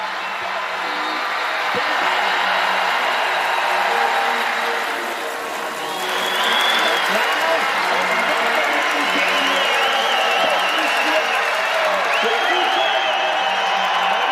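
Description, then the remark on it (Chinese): A large crowd of spectators in a snowy valley cheers and roars steadily at the finish of a ski relay race, a dense, loud wash of voices with a few whistles rising above it, and no single voice standing out. “整个雪谷都准备为优秀的选手们欢呼。”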